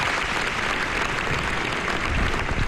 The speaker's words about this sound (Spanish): Navarra despedía ayer a los 5 policías forales fallecidos en el accidente de tráfico del Goibar. La Catedral de Pamplona acogía ayer un emotivo funeral donde las familias fueron acogidas entre aplausos.